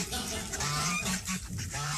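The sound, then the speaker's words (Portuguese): A goose honks repeatedly in short, harsh bursts, loud, with a busy, noisy background throughout and no talking. “Eu todo cheio aqui achando que ele tá me ouvindo, bota um ganso, ó, velho.”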